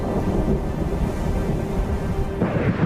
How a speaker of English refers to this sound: In the mountains of Sardinia, powerful heat thunderstorms develop, especially at the height of the summer.